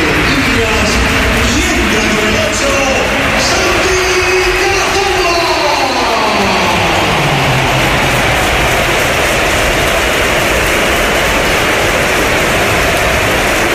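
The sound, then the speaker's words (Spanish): A loud, sustained roar of crowd applause and cheering at the Santiago Bernabéu stadium, an ovation for a Real Oviedo player, fills the whole stretch, a dense wash of clapping with some shifting vocal tones rising and falling in the first half. “Y esta es la ovación que le ha dedicado el Bernabéu, que ha sido espectacular también cuando entraba el jugador del Oviedo.”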